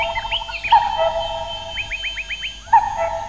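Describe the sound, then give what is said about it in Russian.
Forest birds, including a cuckoo, call in a busy, overlapping chorus: quick repeated chirps and a run of rising whistled notes, with a steady higher tone underneath. No one speaks. “Залаяла лиса, застучал дятел. Кукушка беспристрастно выдала чей-то приговор.”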